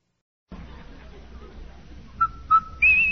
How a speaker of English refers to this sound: Hey, Andy, hear that whistle? Sure do, Amos. That whistle means Rinso White, Rinso Bright, Rinso New.